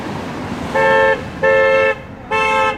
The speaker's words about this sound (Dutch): Is that a good honk or a bad honk? Bad. Bad. When they're very loud, they're bad.